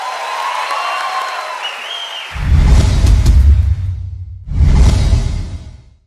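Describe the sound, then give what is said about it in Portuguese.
A crowd at a show being recorded for a DVD breaks into loud applause in two big swells, each roaring up and then fading, following a quieter opening with a faint whistling tone. “Mais aplausos.”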